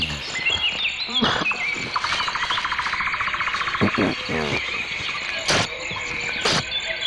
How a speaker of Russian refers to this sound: Да, ну вот слышите, я вот тут навеки запечатлелся в компании наших певчих свиристелей, дроздов, зябликов, жаворонков.